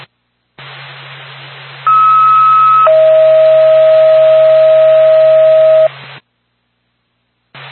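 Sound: dispatch radio alert tone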